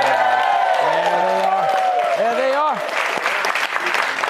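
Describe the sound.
A large studio audience at the Fox News Saturday night show in New York City claps in a dense, steady roar while voices whoop and cheer over it, with rising and falling shouts in the first three seconds before the applause carries on alone.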